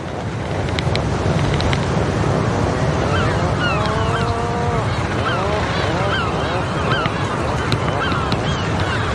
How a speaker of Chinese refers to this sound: 分别了一个冬天后，刚到的海鹰受到热情欢迎，它们相互用喙敲击，并发出咕哝声示好。